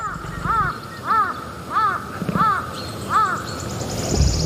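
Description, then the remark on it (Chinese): A crow caws five times in a dense forest in a steady, evenly spaced rhythm, each call harsh and rasping, with a faint low rumble running underneath. “乌鸦的叫声很可能会惊动食腐动物。”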